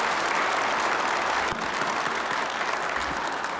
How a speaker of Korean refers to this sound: 추경호 대구광역시장께서도 함께해 주셨는데 우리 격려의 박수 한번 부탁드립니다. 울산광역시장을 맡게 되신 김상욱 시장님 함께해 주셨습니다. 격려 박수 부탁드립니다.